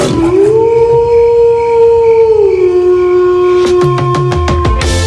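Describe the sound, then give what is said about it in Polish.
A wolf lets out one long, loud howl in a Radio Z promo, swelling and then holding a steady pitch for several seconds, with sharp short yips or clicks breaking in near the end. “Zawodowo jestem wilkiem, a prywatnie lwem. Dzisiaj obudzimy obie.”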